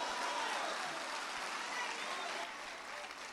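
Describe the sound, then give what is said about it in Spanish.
A church audience applauds, a steady wash of many hands clapping at once, fairly loud and dense throughout, easing slightly toward the end. “Un aplauso al Padre.”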